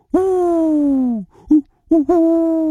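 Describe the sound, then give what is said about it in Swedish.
A human voice imitating an owl's hoot, sounding more like an 'O' than a 'U': one long, steady hoot, then a short one and a final quick double hoot, loud with no other sounds. “En uggla som säger O.”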